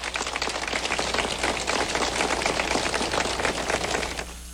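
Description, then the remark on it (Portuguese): A steady round of applause at a church novena of Bom Jesus welcomes representatives of DETRAN, the state traffic department. Many hands clap in a dense, continuous patter at an even loudness, with no voices over it. “Vamos nos acolher a todos com uma calorosa salva de palmas.”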